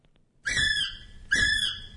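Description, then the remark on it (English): Two loud, shrill whistled kiwi calls, each about three-quarters of a second long, come in quick succession, with a low rumbling noise underneath. “It's a kiwi.”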